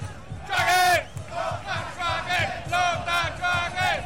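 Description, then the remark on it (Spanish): A loud football crowd at the Lota Schwager versus Provincial Ovalle match in Coronel, Chile, shouts in a rhythmic chant as the match is about to begin, with many voices rising together in repeated bursts roughly every half second and a steady roar beneath. “Escucha el grito de la gente.”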